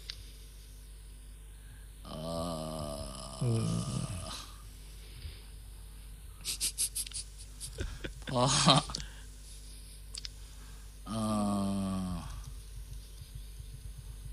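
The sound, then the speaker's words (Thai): A computer mouse being swapped for another and handled: a cluster of plastic clicks, taps and rustling, bracketed by low voiced groaning or humming sounds before and after. “เจอเมาส์พลังจิต เจอเมาส์พลังจิตเข้าไปหน้าหายไปอีกขอบคุณมาก ใช้ ยากเลยทีนี้ เปลี่ยนนะครับเมาส์เนี่ยเปลี่ยน แป๊บนึงนะ”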